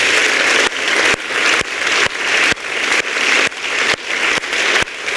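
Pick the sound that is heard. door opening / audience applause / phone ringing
audience applause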